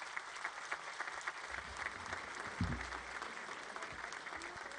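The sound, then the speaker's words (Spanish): Sustained applause from an audience welcoming Monseñor Javier Navarro Rodríguez, bishop emeritus of Zamora, in the diocese of San Juan de los Lagos; a dense steady patter of many hands clapping at even loudness throughout, with a brief low thump partway through. “Quiero también dar la más cordial bienvenida a Monseñor Javier Navarro Rodríguez, obispo emérito de Zamora, y que también fue nuestro obispo en esta diócesis de San Juan de los Lagos, a quien pido que le brindemos un fuerte aplauso.”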